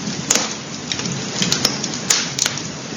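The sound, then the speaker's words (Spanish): A crackling fire in the Sanabria area burns with a steady, soft hiss and low rumble, broken by a handful of sharp, irregular pops and snaps. No voices are heard. “En nuestro recorrido por la zona de Sanabria no podemos dejar de escuchar el sonido del fuego. Junto a su crepitar se contaban historias y se cocinaba.”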